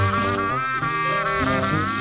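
A fly buzzes loudly for about two seconds, a steady, droning whine whose pitch wavers slightly as it hovers, with no voices.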